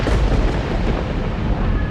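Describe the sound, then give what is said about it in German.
A loud, deep rumble of thunder from a lightning strike tearing across the evening sky rolls on steadily without a break, heavy in the low end, with no voices present. “als ein Blitz den Abendhimmel krachend zerreißt.”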